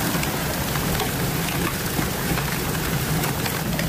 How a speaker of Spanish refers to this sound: Acantalear, caer granizo como cantos, como piedras. Vamos a escuchar ese sonido de los granizos acantaleando.